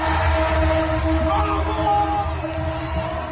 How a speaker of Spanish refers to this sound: Miles de aficionados argentinos han salido a las calles a celebrar la victoria en Buenos Aires. Hasta los trenes se han unido a la locura colectiva tocando la bocina.